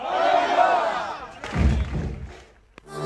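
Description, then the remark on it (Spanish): A large crowd shouts together in one loud, sustained cry, the final cheer of the season, followed by a burst of noisy, rumbling clamor that fades, then a brief sharp knock and rising crowd noise at the end. “Por último, vamos a hacer un grito todos juntos, el grito final de la temporada, poner el fin a esta bonita temporada, así que vamos a hacerlo todos juntos, ¿vale?”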